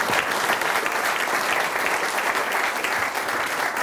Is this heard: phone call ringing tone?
no